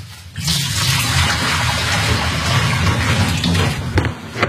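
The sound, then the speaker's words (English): Sterilising liquid pours steadily out of a brewing bucket with its top taken off, in a continuous, splashing gush that stays loud throughout, with no talking. “And then remove the tap handle, take off the top, and pour all the sterilising liquid out.”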